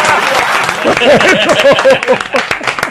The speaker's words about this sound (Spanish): ¡Bravo! ¡Bravo! ¡Porque no aplaudan!